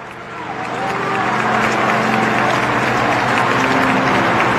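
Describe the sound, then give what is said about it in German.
A large audience in Madrid breaks into sustained applause and cheering, bidding farewell to Pope Leo XIV as he returns to the sacristy after Mass before the city hall, a dense wash of clapping and voices that swells in the first second and then holds steady and loud. “Die Gemeinde verabschiedet sich mit jubelndem Applaus von Papst Leo dem 14.”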